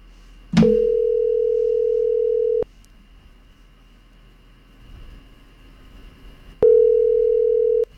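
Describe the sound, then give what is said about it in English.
The ringback tone of an outgoing call made live on radio, meant for Flooring Extra Wanaka: a steady, fairly loud electronic tone lasting about two seconds, a pause of several seconds, then the tone starts again. No one speaks. “It's ringing.”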